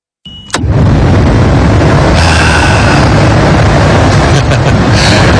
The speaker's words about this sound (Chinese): 有没有体会得到心静自然凉的感觉？就光是听下空调的声音，真的都身上皮肤各方面都有感觉的嘛，朋友。